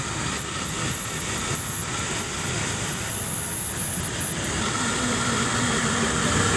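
A resistance drill bores steadily into the wood of a 100-year-old tree, measuring the wood's resistance to detect decay or damage, giving a continuous, even mechanical whir with a hissy, grinding edge that holds at a constant loudness throughout, with no voices.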